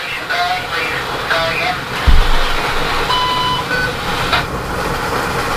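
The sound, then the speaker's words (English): An amateur radio transmission from the local repeater WW8MRN, after a severe thunderstorm with hail: steady static hiss carrying muffled, indistinct voices, with several short electronic beeps at different pitches and a single low thump partway through. “What you're hearing in the background is the local repeater, WW8MRN.”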